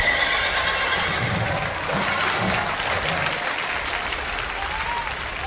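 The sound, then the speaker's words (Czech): An audience applauds after a showman's horse counts out the hour from a watch. It is a dense, steady wash of clapping that stays loud for the whole stretch, with a few murmuring voices mixed in underneath. “Jedna, dvě, tři, čtyři, pět, šest, pánstvo, prosím, potlesk!”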